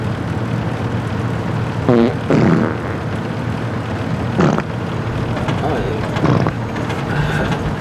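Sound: fart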